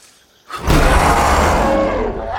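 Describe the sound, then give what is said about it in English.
After a brief hush, a baboon-like monkey with a long snout and frizzed, wiry hair lets out a loud, raspy roar that bares fearsome tusk-like canine teeth; the roar swells quickly and holds, harsh, for about two seconds without fading. “The roar reveals fearsome tusk-like canine teeth.”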